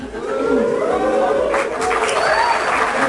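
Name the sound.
applause and booing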